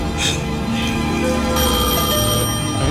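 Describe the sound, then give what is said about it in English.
A telephone rings with a bright, continuous bell tone over a dense, loud wash of background sound, sustained for the full few seconds without pause. “Answer that phone.”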